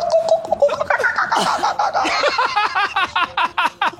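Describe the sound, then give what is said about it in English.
A person imitates seagull calls with a run of strained, squawking cries that turn into quick, rhythmic pulses near the end, loud. “Seagull noises.”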